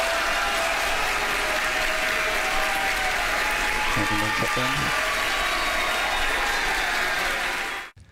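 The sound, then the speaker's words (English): A large crowd of SpaceX workers cheers and applauds continuously in a loud, dense wash of clapping and shouting, with a few voices rising above the roar before it cuts off abruptly, as they watch a Starship test flight launch from Starbase, Texas, and the rocket booster detaches and splashes down in the Gulf of America. “SpaceX workers watching the launch and cheering as the rocket booster successfully detached and splashed down in the Gulf of America.”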